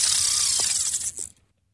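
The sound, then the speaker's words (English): A fishing line being cast into the water, with a rapid, steady whirring click of the reel spinning out for about a second and a quarter before it stops abruptly. No voices. “Well, that sounds like someone casting a line into the water.”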